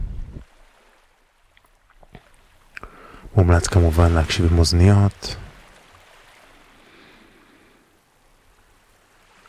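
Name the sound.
sea waves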